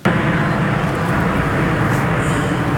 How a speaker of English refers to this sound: The plane streaked across the skies over Moose Jaw, performing some of their signature maneuvers that have thrilled audiences for decades.